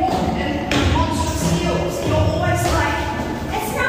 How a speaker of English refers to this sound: Listen to it. Listen, I'm getting this in the neck. She's stomping down the stairs.